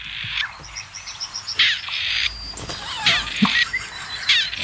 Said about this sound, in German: Ich finde nach wie vor, dass das Rebhuhn klingt wie ein uraltes Telefon mit Wählscheibe.